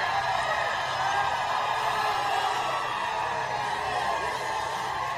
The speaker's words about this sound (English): Just cheering him like he's a rock star, you know.